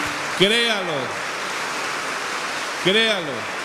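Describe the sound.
An audience applauding in a steady, dense wash of clapping that lasts throughout, with two brief raised voices calling out over it, one early and one near the end.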